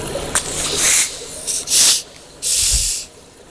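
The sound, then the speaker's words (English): Bottles are uncorked in turn, each releasing a loud, airy hiss. Three separate bursts of rushing gas follow a faint pop, the last one longest, with no voices. “Okay, so we'll uncork these together.”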